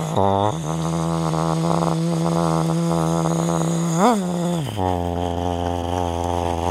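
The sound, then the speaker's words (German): A voice hums a steady, loud, low buzz in imitation of a bumblebee, rising in pitch at the start, warbling briefly mid-way, then sinking to a deeper drone for the last seconds. “Was gibt es noch für Tiere, die mit H beginnen? Eine Hummel. Eine Hummel? Eine Hummel. Wie macht denn eine Hummel?”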